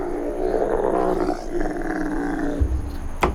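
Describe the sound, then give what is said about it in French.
A dromedary camel growls in one long, throaty, rumbling bellow lasting about three seconds, loud, with a brief knock near the end and no talking. “Mais mon préféré, c'est le dromadaire.”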